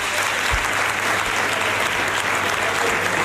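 Sustained applause in the Andalusian Parliament chamber as Juanma Moreno is elected president of the Junta de Andalucía for a third term, with People's Party members standing, a dense, steady wash of clapping hands at even loudness throughout, no voices rising above it.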